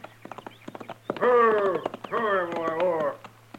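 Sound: horse hoofbeats approaching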